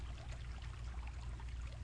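A steady, continuous wash of flowing creek water with a low rumble underneath. No voices, just an even, unbroken babbling texture throughout.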